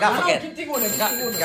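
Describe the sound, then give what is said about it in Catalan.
A telephone rings with a steady, high electronic tone that starts partway through and continues under overlapping, animated voices. “On és el telèfon que tinc?”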